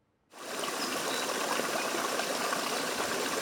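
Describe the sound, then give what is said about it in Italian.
A mountain stream in Val Rosandra, Friuli Venezia Giulia, Italy, rushes steadily over rocks below cliffs, a dense, continuous roar of water that begins abruptly after a brief silence and stays loud without pause. “L'acqua del torrente che scorre tra le rocce, le rupi, gli aioni, le pareti a strapiombo, sulle quali gli alpinisti hanno aperto più di 100 vie.”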